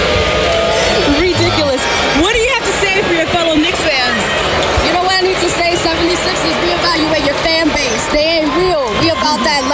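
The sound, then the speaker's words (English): A packed basketball arena crowd of New York Knicks fans chants "Let's go, Knicks" and roars continuously during a game against the 76ers, many voices blending into a loud, dense wall of sound with shouts rising and falling throughout. “Do you hear them? They're like, let's go, let's Knicks. Let's go, Knicks.”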